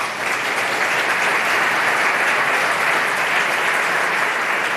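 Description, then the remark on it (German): Sustained applause from a large live audience at the Europaforum at re:publica, a dense, steady wash of clapping that fills the whole stretch at a fairly loud, even level with no talking over it. “Herrlich mit Publikum. Schön, dass Sie alle da sind.”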